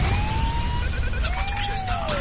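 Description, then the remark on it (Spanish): A police patrol car siren wails steadily in long rising and falling sweeps, loud over a rumbling street background, with no one speaking. “Ahora, la patrulla está”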